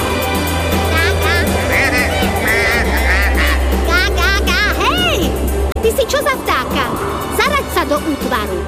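A flock of wild geese honking repeatedly in quick, overlapping calls, loud, over a steady low rumble like an engine; the honking thins into scattered calls near the end.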